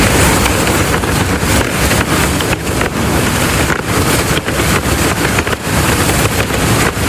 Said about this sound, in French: Ouais, c'est le vent dans les voiles. Voilà, tout simplement.